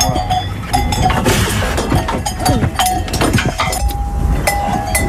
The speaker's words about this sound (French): Il remue les cloches, pourquoi? Parce que c'est un bruit qu'ils connaissent et qui les apaise.